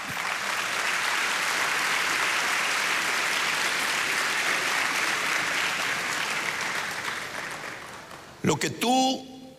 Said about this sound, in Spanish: ¿Cuántos dicen amén? Sí. Dale palmas al Señor.